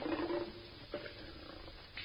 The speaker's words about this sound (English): Well, what does it say? Lion! It's a lion!